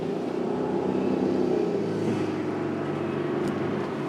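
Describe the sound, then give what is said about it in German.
An off-road vehicle engine drones steadily and loudly, its low harmonic hum straining with slight rises in pitch as the vehicle is stuck in a large water hole while leaving a flooded area in the desert near Marzouga, Morocco, after heavy rainfall; continuous throughout with no voices. “Wir sollen in die Geländewagen, müssen raus aus dem Überschwemmungsgebiet. Doch schon im ersten großen Wasserloch bleiben wir stecken.”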